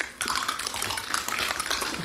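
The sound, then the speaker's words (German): A binaural recording of 50 to 70 concert audience members crunching on raw carrots during a piece called Kritz, Karottenessen: a dense, irregular crackle of crisp bites and chewing that starts after a brief quiet moment and continues steadily, with no talking. “Das ist eine binaurale Aufnahme von meinem Konzert, wo wir Karotten gegessen haben zusammen.”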